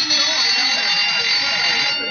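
A school bell, the second bell, rings loudly and without pause for about two seconds, a harsh, bright metallic clatter that holds steady from start to finish.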